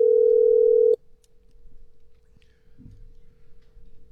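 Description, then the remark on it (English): An outgoing phone call to a friend sounds its ringing tone once, a loud steady electronic tone lasting about a second before cutting off, leaving a faint lingering hum and quiet low background noise. “And there we got some ringing.”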